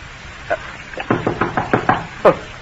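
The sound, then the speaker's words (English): The Sergeant of the Guard knocks on a door: a lone rap, then a quick, even run of about six sharp wooden knocks, finished by one heavier blow. No voices accompany it. “Who can it be this time? Who's there?”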